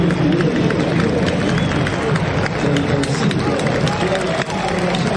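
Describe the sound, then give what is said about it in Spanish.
A packed stadium crowd roars continuously as the Independiente players are announced before a match against Gimnasia, with scattered whistles for Godoy and applause mixed into the dense, loud wash of noise for the whole stretch. “Algunos silbidos para Godoy.”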